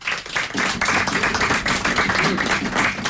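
An audience at a fado session with the Associação Cultural O Fado (ACOF) breaks into a steady round of applause for the Portuguese guitar player, many hands clapping in a dense, continuous patter that stays loud for about three seconds, with faint voices mixed in.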